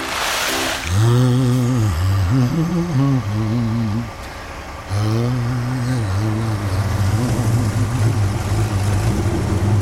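A truck or concrete mixer engine runs loud, revving up and down in bursts with a brief dip, then settling into a steady, droning idle.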